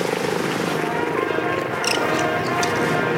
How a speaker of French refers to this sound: Il faut savoir que tous ces hélicoptères donc, servent surtout à transporter des troupes, à faire des évacuations sur les théâtres d'opération.